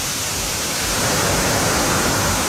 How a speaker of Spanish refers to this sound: Está lloviendo, pero se cae el cielo en Linares, me dicen por acá. Lluvia fuerte a esta hora en Linares.